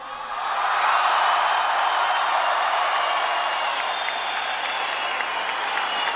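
A large audience roars a loud, sustained war cry of cheering and shouting, without applause or whistling, to welcome arriving guests, swelling in within the first second and holding steady for about six seconds with no speech over it.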